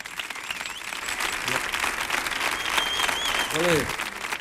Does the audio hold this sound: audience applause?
yes